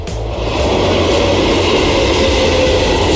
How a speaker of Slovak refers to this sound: Metro je samozrejme to, čo sa tu teraz ozvalo.